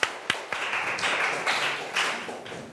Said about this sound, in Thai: 2เมตรถูกต้องค่ะปรบมือให้เพื่อนหน่อยนะคะ